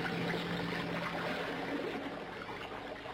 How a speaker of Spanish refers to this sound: Se sumerge en las cristalinas aguas del río.